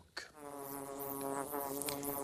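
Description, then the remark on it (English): A steady, droning buzz of bees living in a hollow in a tree where they make honey, continuous, with a sharp onset and wavering pitch as several insects hum together, with no voices present. “And finally, he discovered the bee's tree.”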